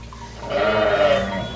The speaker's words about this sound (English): Oh, I wouldn't leave you here. I heard you cry. I'll always hear my sheep when my sheep are in trouble. I will always come to help them.